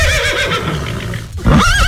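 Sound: horse neighing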